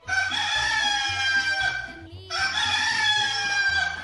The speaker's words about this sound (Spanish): Bueno, ahí tenemos ese gallo cantando para que usted despierte. Ya amaneció.